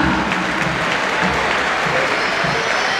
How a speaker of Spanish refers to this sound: Marcos Acuña. Otra salida de aplausos, ¿no? Sí, se ganó los aplausos.